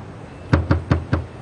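Four firm knocks on a door, evenly spaced in a steady rhythm, clear with a solid wooden thud, and no voices around them.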